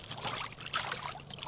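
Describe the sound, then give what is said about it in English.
Water pours and trickles in a steady, continuous splashing stream, moderately quiet, with no voices over it, as water is filled at a rock in Kamyai where the water is low from the summer. “Gonna just fill the water. See how the water feels.”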